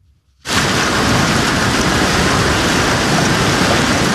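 After a moment of quiet, a heavy rain and hail storm bursts in over parts of Minnesota, a loud, dense, steady roar of blinding sheets of pounding downpour and hail that continues without letup and with no voices.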